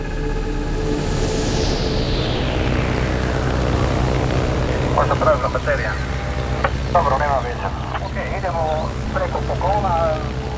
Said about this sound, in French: Le 1er mai 2023. Au sud de la Colombie, un petit avion bleu et blanc survole l'épaisse canopée de la forêt amazonienne. C'est un Cessna, dont l'habitacle contient seulement 6 places. À l'avant, un passager est assis à côté du pilote.